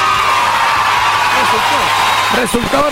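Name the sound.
group shouting loudly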